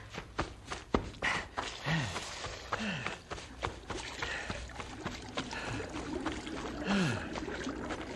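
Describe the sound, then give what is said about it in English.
Water splashes and sloshes for several seconds as people wash and drink at a stream, broken by irregular slaps and scoops, with a faint murmuring stream underneath and no talking. “We can wash and drink and rest. Water!”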